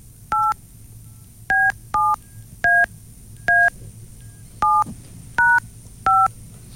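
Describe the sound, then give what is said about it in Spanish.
Eight touch-tone beeps as a phone number is dialed to place a call to a Movistar line, each a short, steady two-pitch tone, spaced unevenly over a low background hum, with no talking. “Vamos a mirar si tenemos llamada transferida a Movistar.”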